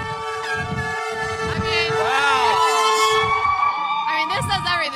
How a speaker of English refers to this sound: That was the Chicago Fire Department. Looks like responding to a call and, honking in support.